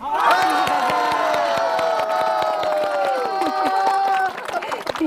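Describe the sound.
A loud crowd cheers and screams with sustained, overlapping high-pitched voices, while rhythmic clapping punctuates the roar throughout, fading slightly near the end.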